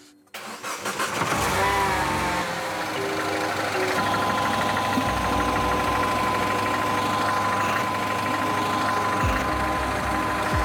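A car engine cranks briefly and catches, then settles into a loud, steady idle with a constant low hum and rattling mechanical texture throughout; the car is started to check an oil leak from the turbo's oil feed line.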